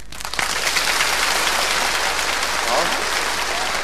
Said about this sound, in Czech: A teď vřelý potlesk.